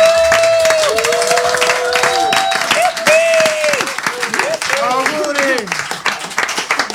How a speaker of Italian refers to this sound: Loro hanno compiuto 30 anni, un applauso.